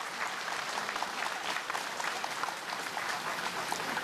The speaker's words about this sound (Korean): 다시 한번 종정 예하께 큰 박수로 존경과 감사의 마음을 올리겠습니다.